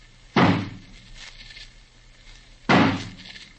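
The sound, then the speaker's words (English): An axe smashes into a door that is barred on the inside, breaking it down: two loud, heavy splintering blows about two seconds apart, each with a short crunching decay and a faint hum between them. No one speaks. “Suppose we have old Johnny use his axe on it.”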